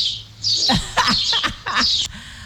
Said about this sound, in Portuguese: Ei, que eu adoro quando você manda esse áudio pra mim com esse canto dos pássaros.